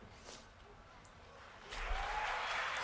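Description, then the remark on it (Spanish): An audience applauds each player as a football squad list is read out, bursting into a dense, steady wash of clapping partway through that swells and holds to the end, preceded by quieter murmuring and scattered sounds. “Así, a cada uno aplaude.”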